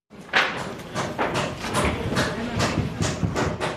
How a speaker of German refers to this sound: Dutzende Mitarbeiter des Katastrophenschutzes arbeiten auf der Maria-Entschlafenskathedrale, hämmern und sägen. Aus Holz zimmern sie einen provisorischen Dachstuhl und spannen eine Plane darüber, damit es nicht reinregnet.